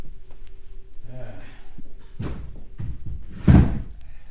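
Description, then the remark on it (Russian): A locked door is tried and thumped, with a couple of heavy knocks and rattles against the frame, the last one loudest, over faint background voices. “дверь как будто заперта.”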